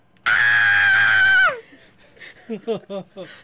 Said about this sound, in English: She screamed.